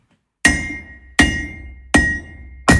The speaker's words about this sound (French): Maintenant, on va écouter des marteaux qui frappent des enclumes.